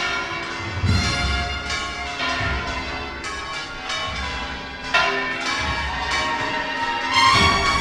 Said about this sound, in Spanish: Ahora son las campanas del convento de Santa Marta y las de La Giralda también, las que vuelven a repicar.